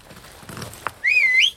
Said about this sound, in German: So zum Pfeifen. Ist leicht.